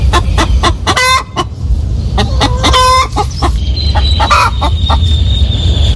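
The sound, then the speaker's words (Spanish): A hen gives her loud egg-laying call: a run of sharp, repeated clucks building into drawn-out squawks, with other chickens clucking faintly in the background and no talking. “Se llama sonido de puesta. Es muy, muy típico. Siempre que digas esto, te vas a encontrar un regalito en forma de huevo.”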